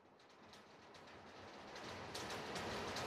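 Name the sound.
rain falling outside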